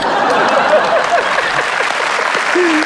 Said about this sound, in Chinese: 就是经我研究发现啊，只要我站在这个舞台上，有人热烈鼓掌，我就很满足。